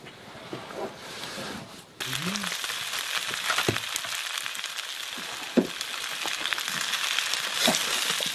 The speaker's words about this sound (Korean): 오두막에는 아버지와 아들뿐이라 요리도 부자가 직접 합니다. 저녁을 요리하는 동안 맛있는 냄새가 오두막을 가득 채웁니다. 렌틸콩을 걸쭉하게 졸여 만든 달 스프를 흰 쌀밥에 곁들여 먹는 특별할 것이 없는 식사.